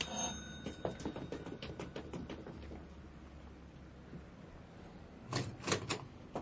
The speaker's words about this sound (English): Okay, mister. I'm going to ring the bell now. Okay, here I go.